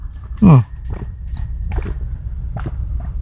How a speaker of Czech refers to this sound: Kdo máte po ruce pití, lahev, flašku nebo nějaký pítko, tak pojďme se napít. Já tady mám půl litr vody, tak si to dáme takhle živě.